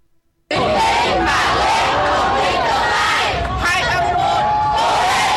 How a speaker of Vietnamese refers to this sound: Bước ra khỏi phòng thi, những tiếng vỗ tay cổ vũ của lực lượng thanh niên tình nguyện và cha mẹ phần nào động viên tinh thần thí sinh.